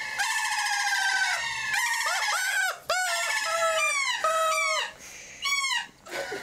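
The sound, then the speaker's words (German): A crowd of chicks peeps nonstop while they are being soothed, their shrill, high chirps overlapping in quick, rising-and-falling bursts with a few brief lulls. No one speaks. “werden die Küken besänftigt.”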